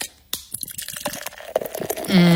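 Beer is poured into a Founders Brewing Mug Club mug, splashing and gurgling for a couple of seconds, the pitch climbing as the mug fills. No one speaks.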